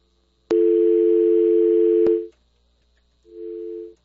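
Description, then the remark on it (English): A loud, steady telephone dial tone hums for about two seconds, broken by clicks at its start and end, then returns briefly and more quietly after a short gap. “Phone lines are open, as you can tell.”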